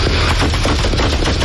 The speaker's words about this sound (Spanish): El coche trata de ir huyendo, golpea varios vehículos en su huida. Ahí oye los disparos.